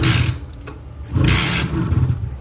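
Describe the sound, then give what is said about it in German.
A Simson S51 moped engine starts and keeps running with a low, steady putter, broken by two loud, raspy bursts of revving, with no voices. “Und jetzt ohne Schock. Du hörst, wir haben's.”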